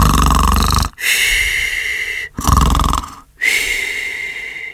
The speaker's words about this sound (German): Dort bettet er sie ins Netz unter dem Mast. Tita glüht wie eine goldene Kugel und schnarcht wie der Wind.